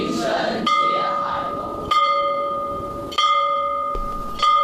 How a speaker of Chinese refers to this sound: 在古城里，有一所有着120年历史的秀州中学。从建校那天起，校园里就挂起了一口铜钟。